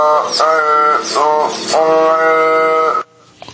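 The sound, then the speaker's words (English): A robotic mouth mimicking human speech, making buzzy, drawn-out vowel-like tones in three loud stretches broken by short breathy bursts, then stopping abruptly into near silence. “Or C, a robotic mouth?”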